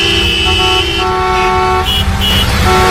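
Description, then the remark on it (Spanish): Car horns honk repeatedly over the steady rumble of traffic on the national road 501, full of cars returning to their towns in the afternoon: several overlapping sustained blasts and shorter toots, with engines droning underneath throughout. “Pues esa misma carretera estaba esta tarde llena de coches volviendo a sus pueblos.”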